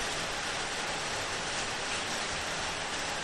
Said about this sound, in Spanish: Cierre bien el canal porque se oye la lluvia, ¿verdad?